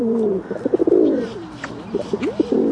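Pigeons coo in low, throaty bursts, a soft rolling warble that repeats in uneven pulses, with several overlapping calls and a faint scratchy background.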